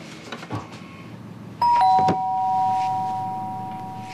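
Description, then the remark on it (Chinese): A doorbell rings partway through with a bright two-note chime, the second tone slightly lower, and its ringing tone lingers and slowly fades over a soft background rumble. “开门的，你爸回来了可能。”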